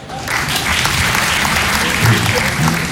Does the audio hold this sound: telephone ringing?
no